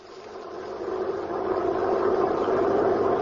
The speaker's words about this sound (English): The prison truck was driving along the road.